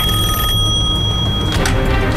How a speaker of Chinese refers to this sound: 接电话吧，是你的电话。